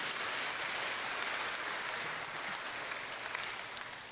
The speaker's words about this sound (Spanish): Le damos un fuerte aplauso, que Dios le bendiga.